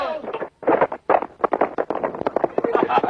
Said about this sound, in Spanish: Alcor, montado en su caballo, arremete estrepitosamente contra Antonio.